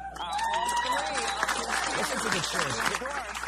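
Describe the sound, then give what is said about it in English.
A large crowd in New York cheers and applauds an election-night win loudly and continuously, with many overlapping voices shouting and whooping amid steady clapping, filling the space for a few seconds. “What are the cheers, first of all?”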